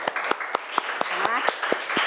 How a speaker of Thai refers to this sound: โอเคค่ะปรบมือเพื่อนหน่อยค่ะ